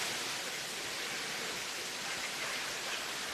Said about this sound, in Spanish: Acá lo aplauden, por si no escucha.